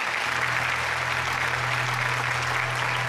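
A studio audience claps steadily for about three seconds, a dense, even wash of hands with no voices on top, joined by a low sustained hum from stage music or equipment.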